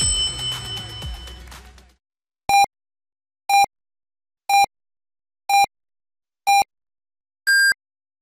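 Radio time signal pips marking 8 o'clock Beijing time on Yunnan People's Radio News Broadcast: five short, evenly spaced beeps one second apart, then a longer, higher-pitched final tone marking the hour, heard clearly after a brief fading tail of other sound.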